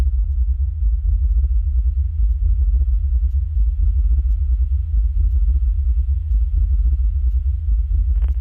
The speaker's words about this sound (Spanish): Ese es el silbido de Rossby bajo el mar. Sonido que un equipo de la Universidad de Liverpool afirmó haber descubierto hace unos 10 años.